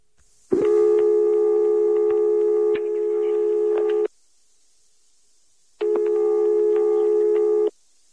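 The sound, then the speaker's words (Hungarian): A telephone line tone after dialing: two long, steady electronic beeps separated by a pause, the first about three and a half seconds, the second shorter, loud and clear with no talking. “Reméltük, hogy ez a telefonszám Csánki Miklós szampolói lakásának telefonszáma.”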